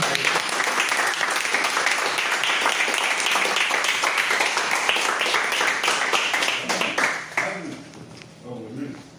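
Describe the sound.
Sustained applause from an audience, a dense wash of many hands clapping at steady loudness, tapering off near the end as a voice begins speaking.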